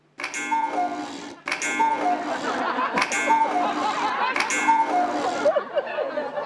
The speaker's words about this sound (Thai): นาฬิกากุ๊กกูดังขึ้นได้ยังไงอ่ะ